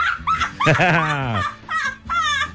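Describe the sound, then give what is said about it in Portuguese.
A pitbull dog whimpers and yips, one of two pitbulls roaming the Santa Teresa neighbourhood on rua Pedro Cons: a rapid run of high, wavering whines and short squeaky cries over about two and a half seconds, with brief pauses between bursts. “Então, por favor, se você tá em busca de dois cachorros pitbull, estão aí perambulando pelo bairro Santa Teresa, na rua Pedro Cons.”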